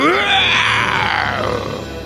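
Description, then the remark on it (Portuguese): A person's voice imitates a lion's roar: one loud, hoarse, drawn-out growl that rises and then slowly falls in pitch over about two seconds, with no words. “Aí ele falou: ai, parece o rugido daquele leão que me poupou.”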